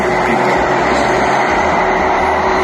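A drone flies overhead above a house, its motor a loud, steady buzzing drone with a constant high whine that holds unbroken throughout, with no voices.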